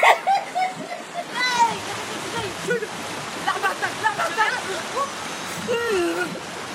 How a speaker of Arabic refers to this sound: لك شو حلو الموجة؟